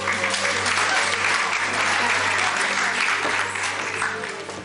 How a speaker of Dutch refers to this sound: Weer een lekker applaus voor jou nie ook.